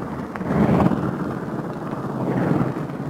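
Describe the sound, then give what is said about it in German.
A propeller airplane engine is started by a mechanic swinging the propeller by hand, then settles into a loud, steady, rumbling roar, swelling briefly near the start, with no voices. “Der Werkmonteur, ein flinker Mann, wirft jetzt schon den Propeller an.”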